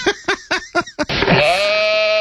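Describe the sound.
A person imitates a goat, first with a quick run of five stuttering bleats, then one long, wavering, nasal bleat held out to the end. The sound is loud, with no other talk.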